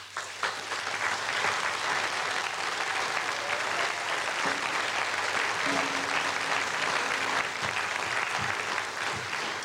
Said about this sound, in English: And a round of applause for the groovy DJ.